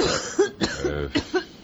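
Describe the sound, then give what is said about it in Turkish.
In a Turkish radio play, a woman coughs repeatedly in a harsh, rough series of about five or six bursts, fairly loud, with raspy breaths between them; a cough she has had day and night for a month. “Amma kötü öksürüyorsun be bacım.”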